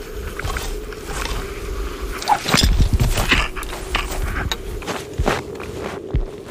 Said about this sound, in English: These are our first few steps onto the sea ice. Definitely feels a bit nerve-wracking knowing that there's a couple hundred meters of water underneath us.